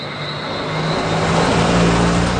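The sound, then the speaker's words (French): A car engine hums as the vehicle drives down a steep road to Soufrière, a village in southern Dominica on the Caribbean Sea, its steady drone shifting in pitch and growing slightly louder over a few seconds, with no voices. “Il faut des bons freins pour venir à Soufrières.”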